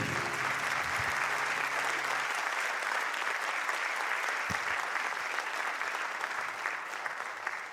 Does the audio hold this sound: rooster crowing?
no